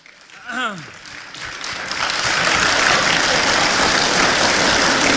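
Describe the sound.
Applause from an audience at a crosstalk (xiangsheng) comedy show, as the host invites the two performers back for another routine, starts scattered, then swells into steady, dense clapping that holds strong to the end, with a voice briefly heard at the start.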